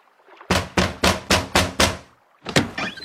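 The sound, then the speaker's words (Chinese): Six quick, evenly spaced knocks on a doctor's cabin door, loud, followed by a short pause and then a heavier clunk as the door is pushed open. No one speaks. “他敲了敲门，便推门而入。”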